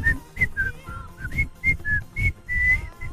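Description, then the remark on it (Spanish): A person whistles an old advertising jingle, a short, bouncy melody of about a dozen clipped notes rising and falling in a quick rhythm, with no talking over it. “No voy a poder silbar por esto, pero había una cosa que era.”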